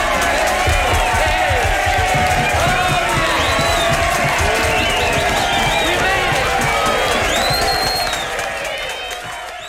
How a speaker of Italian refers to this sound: applausi, eh?